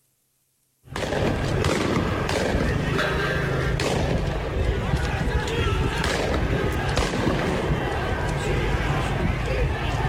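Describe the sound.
Gunfire rings out in a few sharp bangs over a constant, dense roar of crowd noise and shouting voices, loud and chaotic throughout, starting abruptly after a brief silence.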